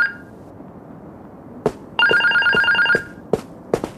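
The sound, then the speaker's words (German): A telephone in a living room rings in a single electronic burst of about a second, bracketed by a brief tone at the start and several sharp clicks, with no voices. “Das mehrmalige Klingeln des Telefons im Wohnzimmer hörten sie nicht.”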